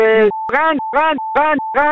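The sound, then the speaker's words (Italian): A voice mimics a car horn with five loud, nasal honks in a steady, regular rhythm, while a thin, steady tone fills the short gaps between them. “E quello è il clacson dei veneti. Loro hanno questo clacson umano.”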